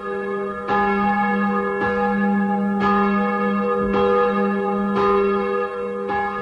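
Church bells Mária and Bartolomej, swung by a bell-ringer, ring steadily and loudly from a wooden belfry by St. George's church, strikes arriving roughly once a second with rich, sustained overtones that overlap and hum between blows; no voices are heard.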